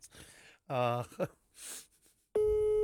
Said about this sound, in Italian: Vedi? Telefonata. Sentiamo la risposta.